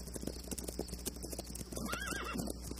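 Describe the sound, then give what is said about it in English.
Hooves clop in a steady, uneven rhythm, and partway through a horse, Mr. McMaster's horse, gives a short, wavering whinny, moderately loud, with no voices. “Frank, take Mr. McMaster's horse, will you?”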